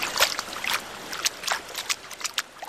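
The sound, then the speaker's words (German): Water splashes and sloshes in short irregular bursts as a person wades into a pool to get used to the water before a first jump, with no talking. “Ja, ich gehe mal rein ins Wasser, um mich einmal an das Wasser zu gewöhnen und dann werde ich auch schon mal einen ersten Sprung wagen.”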